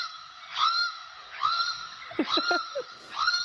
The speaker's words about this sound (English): What's the bird, Caroline? Oh, it's a channel-billed cuckoo.